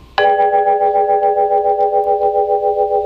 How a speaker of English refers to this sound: Here are some beautiful melodic sounds recorded in high fidelity. Vibraphone.